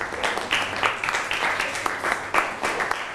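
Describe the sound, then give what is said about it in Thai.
Students in a classroom clap for the first student group after it gives its answer, a steady patter of many hands at moderate volume, continuing evenly for a few seconds without any talking. “ปรบมือให้เพื่อนกลุ่มที่1ครับ”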